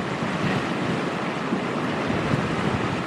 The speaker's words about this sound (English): That's hurricane force in a gust. And there goes another wave.